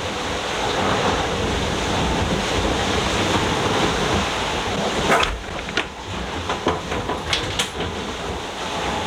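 A sailboat hull slamming into ocean waves on a 2,800-mile course with 2,000 miles to go: a steady roar of wind and rushing water as water pours over the boat, then a run of sharp, loud slaps and bangs at irregular intervals in the second half.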